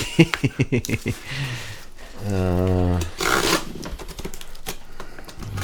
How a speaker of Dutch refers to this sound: En nu gaat het dus de zwarte gaffatape even doorspiezen. Black tape. Black band.